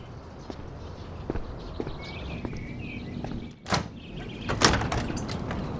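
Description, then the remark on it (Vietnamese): A door is opened with a short clack and a sliding rub to let a visitor in, then a second knock-like bump, over faint room noise and a few scattered taps like footsteps; no one speaks. “Tôi đi mở cửa đây.”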